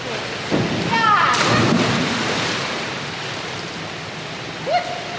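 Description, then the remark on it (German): A sudden, loud splash into water, its broad rush fading over a couple of seconds, with faint voices and a brief high call echoing around a busy pool. A girl jumps from the 3-metre diving board and enters the water feet first, arms held straight against her body, during a trial diving practice. “Sie steht an der Spitze des Dreierbretts, springt mit Schwung hoch. Ihre Arme sind an ihrem Körper gestreckt und mit beiden Füßen voran taucht sie ins Wasser.”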